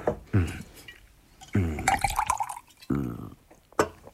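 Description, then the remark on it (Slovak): Liquid glugs out in three separate gurgling bursts with short pauses between them, a resonant, bubbling pour with a faint ringing tone, like wine filling a glass. “A víno? V živote som také dobre nepil.”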